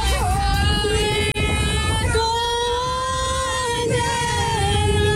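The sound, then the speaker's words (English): A group of people, including a girl of about 12, sing a song together on a boat in sustained, ragged voices over the constant roar of the boat engine and wind noise, loud throughout. “Everyone is singing.”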